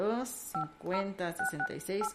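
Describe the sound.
Telephone keypad DTMF tones beep out a radio station's phone number in a quick series of short, clear two-note presses, with a voice talking over and between the tones.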